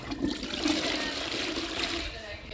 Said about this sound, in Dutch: Iemand op het toilet of gaan we dat gewoon doortrekken en de uitzending is gedaan?